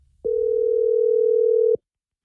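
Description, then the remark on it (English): A single steady electronic ringback tone, heard as the Matt Ryan Show places a phone call, holds at an even pitch for about a second and a half, then cuts off into silence. “So hang on the phone and we're going to call Bianca right now.”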